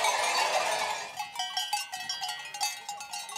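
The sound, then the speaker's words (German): A flock of sheep arrives at night during the drive down to the valley, many bells clanking and jangling irregularly, starting with a dense wash of noise and thinning into scattered metallic clinks. “Jetzt kommen sie in der Nacht, die Schafe.”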